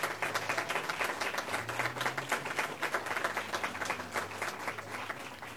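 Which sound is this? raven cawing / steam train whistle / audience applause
audience applause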